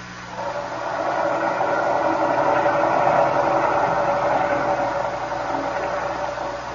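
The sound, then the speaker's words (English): A submarine engine strains under load at full speed astern, its fouled propeller turning as if something is holding it back: a steady, dense mechanical roar with a labored grinding texture that swells and then eases slightly over several seconds, with no voices. “The engine room reports the propeller is still fouled, sir. It behaves as it did before. It turns, but as if something is holding it back.”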